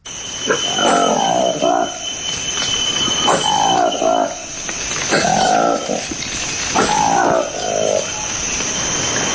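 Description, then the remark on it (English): A newly discovered monkey species, the Likweli monkey of the Democratic Republic of the Congo, gives four loud, harmonic calling bouts spaced a couple of seconds apart, each a rising and falling wail, over a constant high-pitched insect buzz of forest background. “This is the remarkable sound of a newly discovered monkey in the Democratic Republic of the Congo.”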